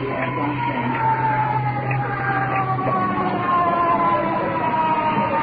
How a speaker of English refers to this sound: Checking out the window. Ambulance with iron lung. Wheeling in the stretcher.